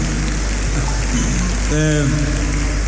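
An audience applauds the speaker's daughter in a steady, dense wash of clapping that lasts throughout, with a brief sustained tonal cry or voice rising above it partway through.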